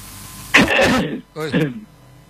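A person coughs: a harsh, rough burst followed after a short pause by a second, throatier cough, with no talking around it.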